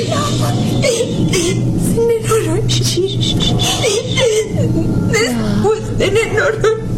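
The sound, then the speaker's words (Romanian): A child cries and whimpers, with wavering, sobbing wails and catching breaths over about seven seconds, against a steady low background hum. “Nu plânge, nu plânge. Gata, gata, copile.”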